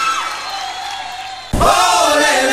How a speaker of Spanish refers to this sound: Gracias por los aplausos, gracias por el cariño.